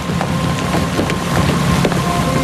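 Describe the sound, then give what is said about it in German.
A boat moving on the water: a steady engine drone with a faint whine, broad rushing water and wind noise throughout, plus a few light splashing knocks, fairly loud. “Das ist Ihr Boot!”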